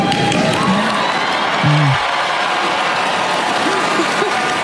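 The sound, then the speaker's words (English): An audience at a speech boos loudly and steadily for several seconds at a line about artificial intelligence, a dense crowd roar with a few individual low voices rising and falling through it, and no pause in the noise. “That was not an applause line, and that was a surprise boo line.”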